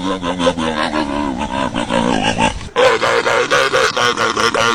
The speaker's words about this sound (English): yesterday Shelby knew that this sound is the sound of a sea lion